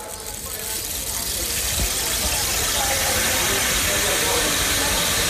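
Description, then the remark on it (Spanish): A rain stick, moved from side to side to imitate falling rain as a sound effect, pours out a steady, dense rushing patter, swelling in over the first half second and then holding a continuous, fairly loud hiss. “Que pareciera enteramente que nos está cayendo la lluvia o el agua encima, pero no, es ese famoso palo que movemos de un lado a otro.”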